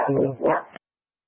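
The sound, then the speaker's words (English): A dog gives a short, strained bark-like vocalization in two quick connected bursts lasting under a second, moderately loud, then silence. “I can't copy you with the dog working.”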